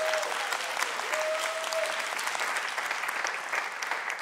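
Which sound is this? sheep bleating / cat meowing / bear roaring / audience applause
audience applause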